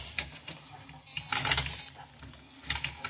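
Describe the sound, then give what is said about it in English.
An elevator motor clicks and whirs after a button is pushed, while the elevator door strains but stays open and the elevator does not move. A moderately loud run of rattling clicks, with a grinding surge in the middle and another near the end. “And the motor clicked and the door strained but stayed open.”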